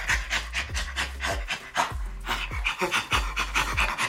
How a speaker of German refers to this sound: Ja, klingt ein Ticken anders, ne? Aber irgendwie gibt's da auch Ähnlichkeiten. Das zweite war ein Menschenaffe, der lacht. Und mal ganz ehrlich, also wie gesagt, so viel anders so vom Style her war das gar nicht, als wenn ein Mensch lacht, oder?